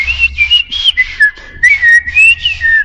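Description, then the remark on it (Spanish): A person whistles a wavering, chirpy tune in short rising and falling phrases, imitating the song of the tomatero, a red bird that eats tomatoes, fairly loud with no talking. “O en este caso, yo imitaba a un pájaro, dos pájaros.”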